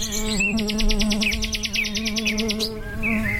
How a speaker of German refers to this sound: Alles summt und brummt, die Vögel zwitschern. Ja, was gibt's denn bitte Schöneres als den heimischen Garten?